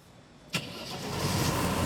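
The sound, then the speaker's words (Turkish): A car engine that has just been repaired and is working again cranks with a sharp burst, then catches and settles into a steady, rising rumble that grows louder as it runs. No one speaks. “Bu sabah o motor sesini duymayı beklemiyordum.”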